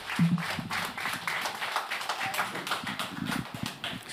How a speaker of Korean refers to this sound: 원장 스님 앞으로 나오고 계십니다. 큰 박수, 힘찬 박수, 예, 격려의 박수 부탁드리겠습니다.